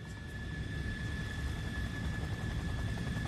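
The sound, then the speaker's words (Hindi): Steady low rumble of an aircraft engine or rotor in an aircraft hangar at a military airport, where aircraft are kept for repair, maintenance and cleaning, with a constant high whine running through it and no voices. “एक दिन की बात है, वो एयरफोर्स कमांड ऑफिस से लौटते हुए सैनिक हवाई अड्डे के हैंगर में पहुंच गए।”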